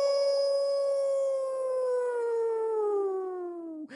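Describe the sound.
A single long, sustained coyote howl imitated by a person's voice, holding a steady pitch before slowly sliding downward and breaking off at the end, loud.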